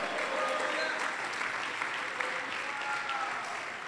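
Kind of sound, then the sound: crowd, audience applause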